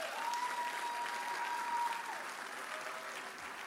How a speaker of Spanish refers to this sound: Pero mira, puedes venir, ¿por qué no le dan un aplauso a esta mujer de Dios?